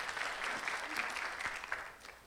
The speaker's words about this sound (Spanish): A ver, un fuerte aplauso para el Señor.